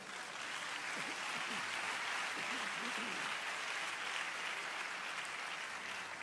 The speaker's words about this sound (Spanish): Dar un aplauso a Dios.